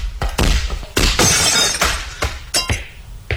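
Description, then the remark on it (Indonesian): A loud crash of a glass window shattering, followed by a spray of tinkling fragments and several sharp bursts as pieces keep breaking and falling. “kacanya pecah.”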